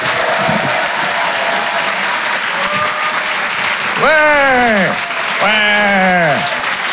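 The audience at the Rire et Chanson Comedy Club applauds loudly and steadily throughout as a comedian is introduced, and two long, rising-then-falling whoops of cheering ring out over the clapping near the end.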